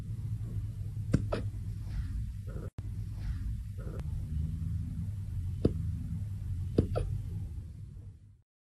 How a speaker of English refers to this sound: These might be the most precious little hiccups ever.